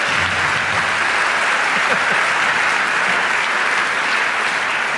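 Sustained applause from an audience fills the whole stretch, a dense, steady wash of many hands clapping at fairly close range, with a few faint voices murmuring underneath.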